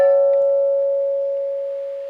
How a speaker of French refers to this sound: Quelque chose qui m'a aidé tous les jours, la cloche dans l'église. La cloche dans l'église pour y aller à l'église le matin, tous les dimanches.